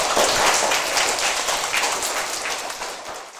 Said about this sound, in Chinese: 水资源哦，我觉得你的这个想法应该值得大家一个掌声啊，请坐。